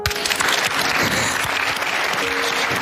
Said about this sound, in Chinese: 谢谢，再一次掌声感谢吴一泽来到我们的现场，和我们分享了一个年轻的零零后的斯诺克世锦赛世界冠军他的内心。再次用掌声祝愿他取得更多好的成绩。